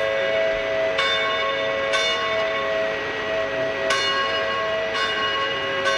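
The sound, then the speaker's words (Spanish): Church bells ring out loud, struck at irregular intervals about a second or two apart, each strike leaving a long, shimmering hum that carries into the next. No voices. “Una preocupación, la del robo patrimonial de las campanas en ermitas de la diócesis de Vizcaya.”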